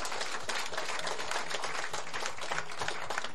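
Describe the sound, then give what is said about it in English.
An audience applauds Western Cape ministers Simmers, Mayor and Lont at a Department of Public Works event, a dense, steady wash of many hands clapping at once that holds at an even loudness throughout, with no one speaking over it. “They make life so easy for us in the Department of Public Works, and I really want you to give them a round of applause.”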